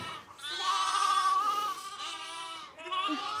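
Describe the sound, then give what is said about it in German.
Bottle-fed lambs bleat insistently at evening feeding time, their high, wavering cries running almost continuously and overlapping, with a brief dip before one more loud bleat at the end. “Bei Hanna bekommen die Flaschenlämmer jedes Jahr Namen.”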